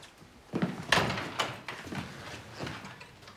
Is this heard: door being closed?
yes